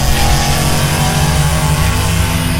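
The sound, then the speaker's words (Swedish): A small go-kart engine revs loudly and steadily, its buzzing mechanical drone held close and continuous with slight rises in pitch, no voices present. “Go-kart, nöjet för alla.”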